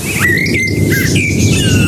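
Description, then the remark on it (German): A blackbird in a garden in the Allgäu whistles a short, tuneful phrase, a radio jingle melody, with clear fluting notes rising and falling over a steady low background rumble. “Im Allgäu, in Elisas Garten, zwitschert eine Amsel unsere Antenne Bayern Melodie.”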